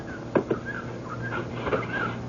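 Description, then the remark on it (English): A door opens with a couple of sharp latch clicks as people step outside, then a softer knock a moment later, over a low steady hum and faint background ambience. “Let's step out the door.”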